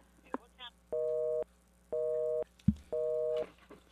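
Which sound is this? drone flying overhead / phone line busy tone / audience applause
phone line busy tone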